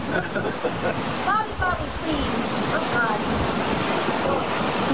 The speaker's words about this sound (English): Look at, they're right on the ocean, too. They got waves crashing there. They're right on the ocean.